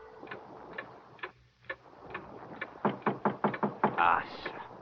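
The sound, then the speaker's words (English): A clock ticks in a steady, even rhythm, each tick crisp and distinct, growing noticeably louder toward the end over a low background hum. “Mostly, the man watched the clock.”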